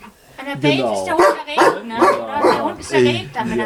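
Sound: dog barking and grumbling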